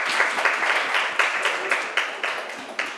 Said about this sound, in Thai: ปรบมือด้วยนะคะลูกค่ะ